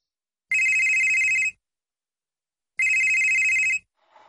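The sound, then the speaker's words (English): A telephone rings twice, each loud electronic trill lasting about a second with a pause between, followed by a faint rustle at the end. “It's your childhood calling. Pick up.”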